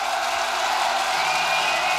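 A steady, dense roar of a concert crowd cheering and applauding, loud and unbroken throughout, with no distinct voices standing out.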